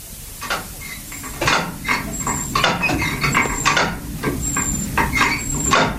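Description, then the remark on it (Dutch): A hand water pump in the corner of a kitchen in Achterveld, near Amersfoort, Netherlands, is worked over and over during a drought, its handle giving rhythmic creaks, squeaks and gurgling rasps in steady strokes, with thin high squeals riding on top, though no water comes from its 20-metre-deep pipe. No one speaks. “In de hoek de pomp.”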